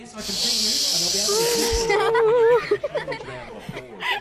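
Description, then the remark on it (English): Girls' voices imitate a sea breeze for a seascape sound, with a sustained breathy hiss and a wavering, rising hum that swells for about two seconds, then dissolve into scattered giggles and chuckles. “All right, I'll count you in and do your best sound of a sea breeze.”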